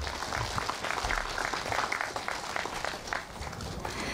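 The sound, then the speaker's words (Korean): A crowd of monks and Buddhists applauds steadily for about four seconds at the groundbreaking ceremony of the Seonhakwon Foundation's elderly welfare facility, a dense, even patter of many hands clapping at a constant moderate level with no voices standing out. “뜨거운 박수 보내주시기 바랍니다.”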